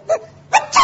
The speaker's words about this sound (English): Bless you. Why, he has sneezed himself to death.